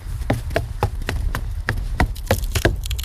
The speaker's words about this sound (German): Scheiße, da bricht jemand die Tür auf.